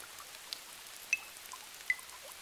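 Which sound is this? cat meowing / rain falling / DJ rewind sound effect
rain falling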